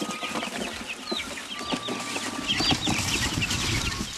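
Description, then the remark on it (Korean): A busy flock of chicks, just moved into a new, spacious home in Geumsan, peeps and cheeps continuously, many high-pitched chirps overlapping with soft rustling, no voices. “넓은 공간에 병아리들도 신나 보이는데요.”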